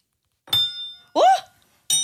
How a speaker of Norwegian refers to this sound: Og så klunker dere til i bordet. Hva sa du? Og så klinker du skjea. Ja, klinker jeg nå.